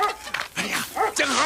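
A dog barks several times in quick succession at a returning visitor it does not recognize, the fairly loud, sharp, agitated barks following one another with only short gaps.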